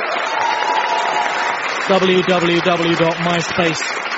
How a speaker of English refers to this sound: Before that, give a round of applause to your poet, Tim Key.